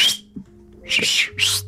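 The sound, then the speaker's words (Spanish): A loud, shrill human whistle sounds in three breathy bursts: a short first blast, then two longer ones in quick succession, with no talking. “Oye, pero ojo con la de aquello, la chiflar.”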